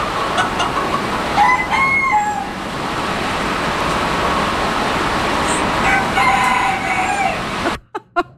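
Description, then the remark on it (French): Roosters crow in drawn-out, rising calls around two seconds and again near six to seven seconds, inside a building housing over a hundred animals, over a steady heavy hiss of pouring rain striking the roof that cuts off abruptly at the end. “On a entendu des coqs cette fois-ci, mais il y avait aussi des pigeons, des lapins, des poules, des chatons”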